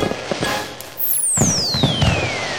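Fireworks going off: a high whistle glides steadily downward while several sharp pops and crackling bursts ring out, fairly loud, with no voices.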